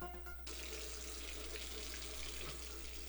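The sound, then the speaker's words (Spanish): Water runs steadily from a faucet, a continuous splashing hiss that stays loud for the whole stretch, with no voices. “Si no cerras la llave mientras lavas dos platos, o te cepillas los dientes, estás desperdiciando el agua que se tomarían 44 personas en un solo día.”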